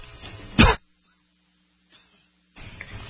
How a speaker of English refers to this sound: Excuse me about that. Had a coughing jag to start off the day.